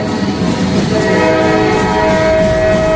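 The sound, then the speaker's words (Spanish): A train on a 1909 journey from Paris to Cambon-les-Bains in the Pyrenees rumbles steadily along the rails, loud, and about a second in a sustained, droning horn tone rises over the clatter and holds to the end. “En 1909, Granados lleva 2 días metido en trenes, subiendo y bajando en estaciones desiertas, para llegar desde París hasta el pequeño pueblo de Cambon-les-Bains, o así, en la otra punta de los Pirineos, que es donde está su amigo Isaac Albéniz.”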